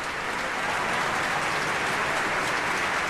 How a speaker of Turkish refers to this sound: Evet, orkestra üyelerini alkışlıyor salondaki seyirci.